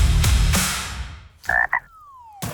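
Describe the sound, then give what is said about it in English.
A frog gives two short, loud croaks, following a couple of dull thumping sounds, with a thin sliding tone trailing off after the second croak. “Hey, what does a frog know about money?”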